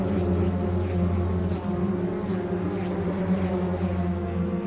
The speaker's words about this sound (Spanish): Van a cerrar la primera vuelta. Vamos a escuchar los motores nosotras y ruge la clase 2.